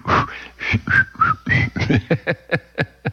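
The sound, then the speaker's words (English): A person whistles a short, bright melody of sliding notes, loud, over a steady rhythmic beat of music that pulses underneath. “Now, if they had to depend on me for the whistle, there would have been about 1,000 takes.”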